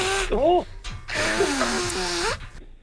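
Two loud, honking nose blows follow each other, the first short and the second longer, each a rough rush of air with a whiny, wavering tone running through it.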